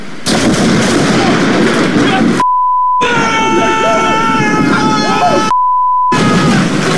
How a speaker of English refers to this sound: lightning hits this massive pine tree, and then it falls on the place, ripping the front roof off. You can understand why they were a little bit animated.